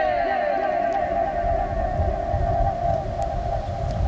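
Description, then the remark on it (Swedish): A shout's echo, bouncing about 20 times between the ceiling and the person, rings on as a steady, tonal, slightly fluttering drone with layered overtones, holding at an even loudness for about four seconds with no talking. “Och det är här då ekot studsar 20 gånger mellan taket och personen.”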